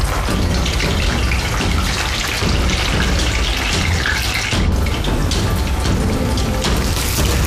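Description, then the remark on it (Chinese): Blanched pork belly, its skin coated with dark soy sauce, deep-frying in hot oil until the skin colour sets, for kou rou in poon choi. A loud, dense, unbroken sizzle full of fine crackles and pops hisses steadily throughout, with one brief dip midway and no voices. “笋肥瘦相间的五花肉焯水后，肉皮涂老抽上色，再由锅炸至肉皮固色，直到肉味焦香。”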